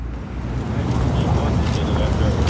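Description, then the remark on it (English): A steady low engine rumble of a boat moving along the Chicago River below the Michigan Avenue Bridge in Chicago, continuous, with a windy outdoor wash over it. “There's some ducks floating under there, and a boat just went by.”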